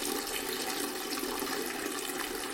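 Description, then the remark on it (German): A toilet flush in a dungeon cell hisses steadily and loudly, a dense rushing of water that holds at an even level throughout without pause or voices. “Also ihre Spülung faucht ihr, als würde das Ding gleich überkochen.”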